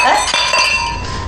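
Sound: glasses clinking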